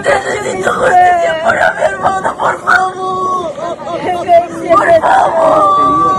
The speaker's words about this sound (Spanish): Son los gritos de la desesperación. Entre lágrimas y lamentos, los familiares de las 5 personas acribilladas por militares en el distrito de Colcabamba, en Perú, claman por la justicia.